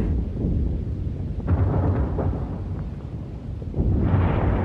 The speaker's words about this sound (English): There's a dense smoke screen as the battleships and the warships, the smaller warships, sweep along there, firing all the time against the shore and some of them laying a smoke screen for us.